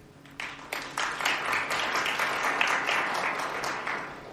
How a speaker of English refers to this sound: I like this applause after every answer. I want to take all of you with me wherever I go.